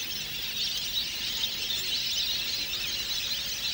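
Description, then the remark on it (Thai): A dense, steady chorus of many migratory ducks gathered on a marsh, including green-winged teal and large numbers of garganey, calling at once: a continuous wash of high, squealing calls with no pauses and no voices. “ในบรรดาเป็ดที่รวมกันอยู่ในบึงน้ำแห่งนี้เป็ดปีกเขียวค่อนข้างสงบเสงี่ยมกว่าชนิดอื่นนกเป็ดน้ำที่ย้ายถิ่นเข้ามาทั้งหมดเป็ดลายมีจำนวนมากที่สุดมักพบเห็นครั้งละหลายพันตัว”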